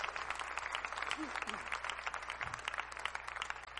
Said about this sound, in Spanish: Dale un aplauso a Cristo, por favor.